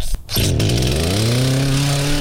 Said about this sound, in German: Die Kettensägen sind in Aktion, denn gestern gab es ja schwere Unwetter und heute werden diese ganzen Unwetterschäden beseitigt.